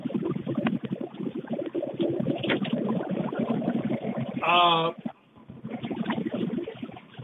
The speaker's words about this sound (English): At first we heard a strange sound, but go ahead. Okay. That was just me rolling up my window.